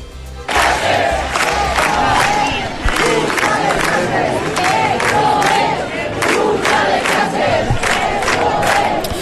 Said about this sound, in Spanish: Os pongo sonido de anoche ante la subdelegación del Gobierno de España en Gran Vía. La Gran Vía se desbordó y este es el clamor de la ciudad.